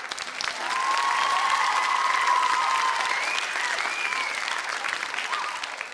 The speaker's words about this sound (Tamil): உங்கள் எல்லாருக்கும் இந்தாங்க பிடிங்க பலத்த கைத்தட்டல்.